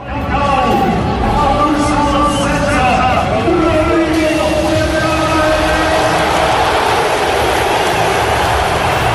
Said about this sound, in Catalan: No, ha estat una ovació de gala, l'ovació de la tarda. Se l'ha endut Rodri, han fet els parlaments Flick i Rafinha.